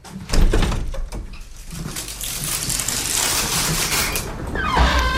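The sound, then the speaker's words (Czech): An aviary door holding rescued young birds over half a metre tall is carefully eased open with a sustained scraping, rattling noise that continues for several seconds, and a few bird chirps sound near the end. “Tak, velmi opatrně otevíráme dveře voliéry.”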